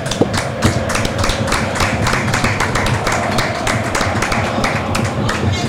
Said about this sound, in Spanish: Cuando el árbitro decide finalizar el partido, tac, tiki, tac, suena el clac. Ha ganado Croacia por 1-0, pero igual se merecen este aplauso.